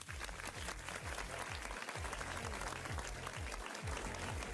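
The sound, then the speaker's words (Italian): Dense, steady applause for a DJ fills the whole stretch during the Party Time show on Studio Q dance radio, with a pounding four-on-the-floor bass beat from dance music running underneath. “Facciamo un applauso a …,”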